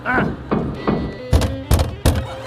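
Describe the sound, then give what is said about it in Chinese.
Someone knocks on a door about six times at a steady, unhurried pace, the dull thuds growing sharper and louder toward the end, with a faint voice murmuring underneath. “现在就到敲门了， 晚了。”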